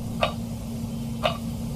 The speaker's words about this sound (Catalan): Mira, escolti el rellotge digital, escolti.